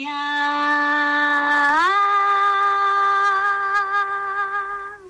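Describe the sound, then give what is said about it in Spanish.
A single long, loud shout from one voice, recorded as a final shout for a Christmas carol, held steadily, then leaping to a higher pitch partway through and sustained until it breaks off at the end. “Voy a poner un gritito final.”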